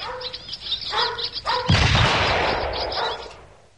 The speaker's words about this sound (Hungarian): Majd távol tartom, és közben lövöldözöm a seregélyeket.